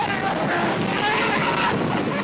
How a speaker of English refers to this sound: Cue the roller coaster sound now.